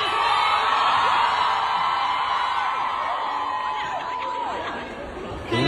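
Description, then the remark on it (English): A large crowd at a Q&A cheers and oohs in a sustained, dense roar as someone throws a water bottle at Zane while he leaves the stage, with rising whoops and yells poking out, fading slightly before a final swell at the end. “you hear the crowd sort of start cheering or ooing as someone attacks Zane as he's leaving the stage”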